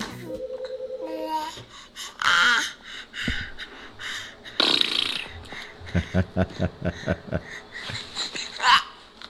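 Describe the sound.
A baby babbles and coos in short, breathy bursts, with higher-pitched voiced sounds early on and a quick series of soft rhythmic grunts toward the end.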